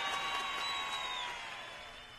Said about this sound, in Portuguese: Não, peraí, os caras precisavam de palma, velho. Palmas.